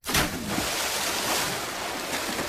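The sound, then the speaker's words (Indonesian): Steady rushing and splashing river water, starting abruptly and continuing at a fairly even, full level for a couple of seconds with no voices. “Peri Peti pun pergi ke sungai. Ia mengambil air.”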